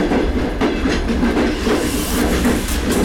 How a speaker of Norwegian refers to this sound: Jeg synes faktisk, det er en mega behagelig rejseform at sidde i et tog.